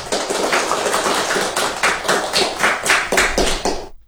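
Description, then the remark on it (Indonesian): A crowd applauds for performers who recited pantun, about four seconds of dense, steady clapping with a loose rhythmic pulse, then stops abruptly. No one speaks over it. “Berikan tepuk tangan untuk teman-teman kita tadi.”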